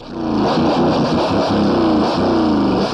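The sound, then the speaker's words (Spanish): A car engine revs loudly, a steady, rough roar that rises and falls slightly over a few seconds as the vehicle moves past, with no voices. “¿Cómo le hizo para que ese carro le pasara por en medio y no le hiciera nada a ella?”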